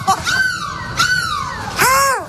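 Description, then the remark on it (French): A person imitates a seagull's cry as a goodbye, live on a radio show from a bus in Lille, with three loud, nasal, wavering squawks, the last one the strongest, with no other talking. “On se dit au revoir en cri de la mouette.”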